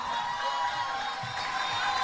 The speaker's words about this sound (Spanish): Que con el permiso de todos ustedes, pido un fuerte aplauso para recibir en este escenario